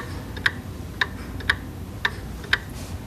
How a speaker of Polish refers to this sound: Możemy też powiesić wahadełko i puścić je w ruch, żeby usłyszeć, jak zegar cyka. Tik-tak, tik-tak, troszkę tik-tak. Nierówno tyka.